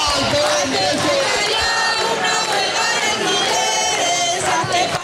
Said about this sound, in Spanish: Repiten cánticos llamando a la huelga general.